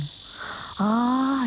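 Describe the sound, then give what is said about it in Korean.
A black cicada (Cryptotympana atrata), the largest cicada species, calls in summer with a loud, continuous buzzing drone that fills the whole moment. Partway through it swells into a harsher, more tonal whine. No one speaks. “자, 이제 맴맴맴맴에 이어서 다소 시끄러운 친구가 등장을 합니다. 두 번째는 말매미인데요.”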